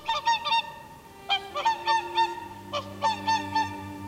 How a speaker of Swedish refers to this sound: Vi ser på när de snövita sångsvanarna flyger över sjön.